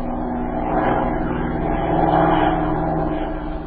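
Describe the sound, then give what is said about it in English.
A steady, droning engine hum with a low rumble and tonal whine, holding constant and slightly swelling midway, like a propeller aircraft, from a chartered plane flying over the countryside to survey it from the air. No voices. “He advised her to notify the authorities of both countries and to charter a plane, cross the border, and make a close survey of the countryside from the air.”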